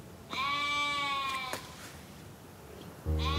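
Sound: sheep bleating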